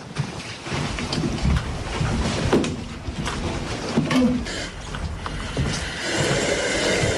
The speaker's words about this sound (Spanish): Bueno, este es uno de los sonidos del día, la fuerte respiración de los bomberos de Ceuta en su viaje al centro de la Tierra.